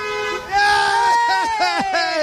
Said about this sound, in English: Then that last honk might have been for someone cutting off the other motor